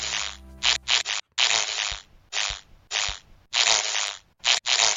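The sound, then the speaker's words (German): A ladybird flying in, its buzzing wings amplified: a low droning hum at first, then about eight rough, hissing bursts of wing noise in an uneven rhythm, with brief gaps between them and no voices. “Kommen sie angeschwirrt, klingt es so.”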